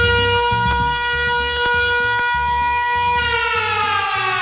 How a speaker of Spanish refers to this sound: Ay, que suene esa sirena, que suene.